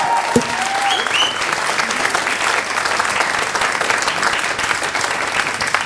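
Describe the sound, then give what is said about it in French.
A full concert audience at Le Petit Faucheux applauds steadily for several seconds for the band's composer, flugelhorn and trumpet player, a dense wash of clapping hands with a few brief whistles or cheers cutting through near the start. “S'il vous plaît, un tonnerre d'applaudissement pour … au compo, au bugle et à la trompette.”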